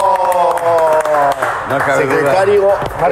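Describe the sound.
An audience applauds the secretary general of the Acapulco municipal government, a guest on the show, with steady clapping for a few seconds, mixed with a wash of voices and cheering over the top.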